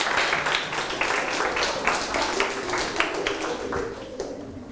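A classroom of students applauding: a dense, steady patter of many hands clapping together for several seconds, easing off slightly at the end, with no talking over it.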